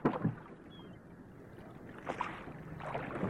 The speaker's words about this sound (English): So pull heartily, men. A cast off bow. Out oars. And stroke.